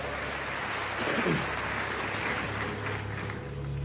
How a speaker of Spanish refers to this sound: ¿Alguien lo cree? ¿Alguien lo cree? Séllalo con un fuerte aplauso.